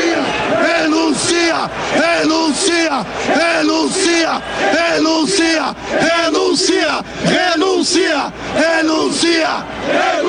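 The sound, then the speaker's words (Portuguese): A large crowd of Internacional football fans shouts and chants in protest against Barcelos, calling for his resignation, loud rhythmic bursts of many voices repeating together in steady waves, with yelling and whooping throughout. “Cartaz, ato da torcida colorada, fora Barcelos, renuncia já, um cartaz aqui.”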